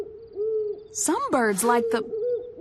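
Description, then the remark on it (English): An owl hoots repeatedly in soft, low, rounded notes, interrupted midway by a louder, wavering call before the steady hooting resumes. “Wait, I think I know who is making that hoo-hoo sound.”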